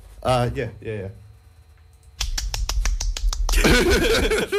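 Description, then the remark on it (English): Two short whooping vocal cheers, then a burst of canned applause from an applause button: a few sharp separate claps build quickly into dense, loud clapping that runs to the end. “An applause button.”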